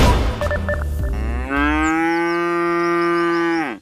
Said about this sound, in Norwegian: Da der var lyden av en ku på utmarksbeite.